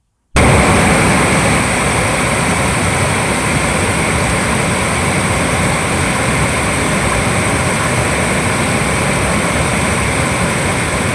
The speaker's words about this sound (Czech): Ještě jednou Ostravické Peřeje a je to voda, jo, kdybyste náhodou vyhladoví slyšeli, že to je smažení řízků.